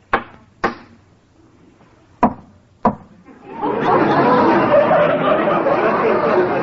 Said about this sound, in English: Well, if you don't mind, I'll smoke my pipe. What's a captain without a pipe? I'll just knock out some of this tobacco.